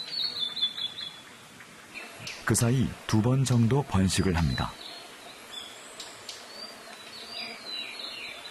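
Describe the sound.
A blue-and-white flycatcher, a summer migrant, sings in a Korean summer forest: soft, warbling high-pitched phrases at the start, then a man speaks briefly over the quiet woodland background before faint chirps and trills return.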